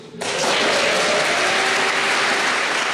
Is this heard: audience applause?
yes